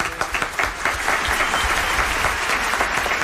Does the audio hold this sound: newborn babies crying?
no